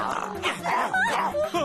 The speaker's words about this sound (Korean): 들개들이 짖는 소리가 들리는데.